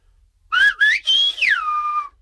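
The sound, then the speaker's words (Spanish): A clear whistle imitates a spoken Spanish word, the color name "amarillo" (yellow): several short gliding tones, rising and falling like syllables, run together for about a second and a half with no talking. “te digo algo que voy a silbar y a ver si tú lo adivinas.”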